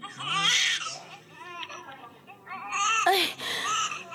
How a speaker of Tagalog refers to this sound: Hey, baby, don't cry